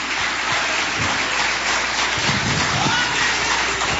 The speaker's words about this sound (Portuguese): Vamos receber o servo de Deus com palmas bem alegre para Jesus.